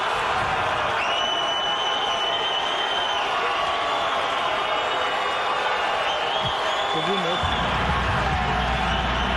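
A huge stadium crowd cheers wildly as Ancelotti announces Neymar's name, a dense, continuous roar that stays loud and steady the whole time, with faint high whistles riding over it.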